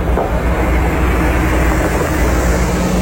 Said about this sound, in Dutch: Hier rijdt een grote bus. AI Data Revolte staat daarop.